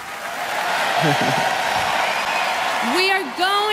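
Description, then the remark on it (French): A crowd at a music contest where countries award points applauds steadily for several seconds, a dense wash of clapping celebrating unity around music, with a few voices calling out and a rising shout near the end. “Et ça s'applaudit car c'est vrai que c'est une belle unité autour de la musique.”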